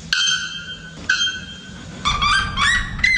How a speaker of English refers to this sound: Yes, that's the sounds of the bare-throated bell bird and the red-legged suriema. Researchers at the University of Massachusetts Amherst say that both can sing above 120 decibels.